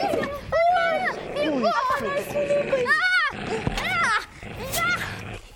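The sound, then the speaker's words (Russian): A dog snarls and growls loudly as it attacks a person in a frantic scuffle, its aggressive noises tangled with panicked human yelling throughout the few seconds. “На меня накинулась собака.”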